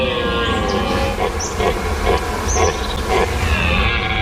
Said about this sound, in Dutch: En nog steeds zijn er beurlende herten te horen. En dat is elk jaar rond deze tijd.